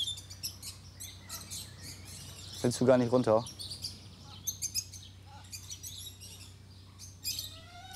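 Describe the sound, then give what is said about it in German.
High, thin cheeping from chicks beside their mother hen repeats in quick bursts throughout, with a brief spoken question cutting in partway through. “Die Küken stellen sich tot.”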